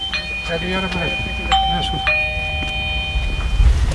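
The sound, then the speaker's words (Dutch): A doorbell rings with clear, sustained electronic tones that hold steady for a few seconds while a voice talks in the background, with some low rumbling noise underneath, as the mayor of Zaanstad rings at homes around a house where an explosive went off. “U belt aan bij allerlei woningen rondom de woning waar het explosief is afgegaan.”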